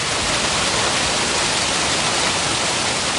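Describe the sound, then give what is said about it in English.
Loud, steady rush of floodwater pouring down Lombardi Avenue in Green Bay after hail and heavy rain on a Wednesday, a dense continuous roar with no pauses or voices. “A rushing river on Lombardi.”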